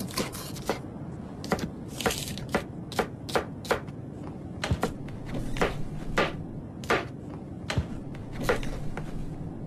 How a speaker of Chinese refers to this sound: 拿出我封存了好久的炖锅。买来就没打开过